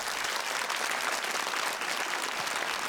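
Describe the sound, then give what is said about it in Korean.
Steady, dense audience applause on the show Gugak Hanmadang, welcoming a young traditional Korean music prodigy, fills the whole clip, a continuous wash of many hands clapping at an even, fairly loud level with no voices standing out. “여러분 큰 박수로 맞이해 주시기 바랍니다.”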